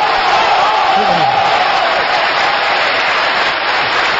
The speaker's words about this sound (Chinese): 这是我们的父老乡亲们呢， 啊， 用热烈的掌声来抒发他们对我父亲马三立的深切的感情。